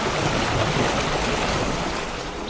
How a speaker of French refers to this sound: Voilà, un doux clapotis des flots.